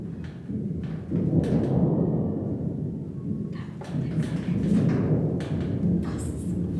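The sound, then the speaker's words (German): A low, rumbling roar made with the voice mimics distant thunder, swelling and fading in long rolling waves for several seconds, with no words spoken. “Ich kann zum Beispiel ein ganz entferntes Gewittergrollen nur machen.”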